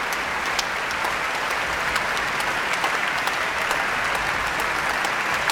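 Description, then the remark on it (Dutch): Steady, dense applause from a large concert audience in a full hall in Eindhoven after an orchestra's encore, the Berceuse for cello and orchestra by Jozef Holman, as conductor Emilia Hoving has the whole orchestra stand. It is a continuous wash of many hands clapping, with sharp individual claps standing out, holding an even level throughout with no voices. “En Hoving laat het hele orkest nu staan om het applaus in ontvangst te nemen.”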